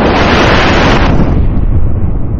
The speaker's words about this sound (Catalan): I és que el cel s'ha cobert d'uns núvols grans i negres. I ara, a fora, una forta tempesta tenyeix el dia de negró.